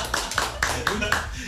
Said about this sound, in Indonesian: Tepuk tangan dong, tepuk tangan.